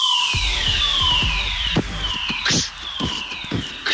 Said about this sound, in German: Ding ist ein Feueralarm. Ist ein Feueralarm.